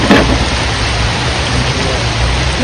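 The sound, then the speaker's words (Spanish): Heavy rain pours in a dense, steady hiss that never lets up, with a low rumble of thunder beneath it. No one speaks. “La lluvia arreció. Los truenos rompieron el silencio y complicaron aún más la búsqueda.”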